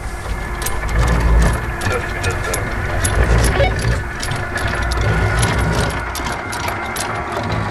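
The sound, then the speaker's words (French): An anchor chain runs out steadily as a boat's anchor is let down at Paradise Bay, starting with 30 meters of chain, its links clattering and rattling in a dense metallic stream over a low engine rumble, with sharp clanks scattered throughout. “Ok Hans, if you can bring the start winning anchor down, let's start with 30 meters please.”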